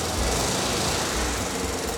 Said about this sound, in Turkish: Motorun sesi şimdi daha iyi geliyor.